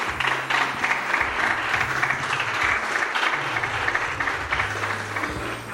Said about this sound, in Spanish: Le puede dar palmas al Rey de Reyes, señores, señores.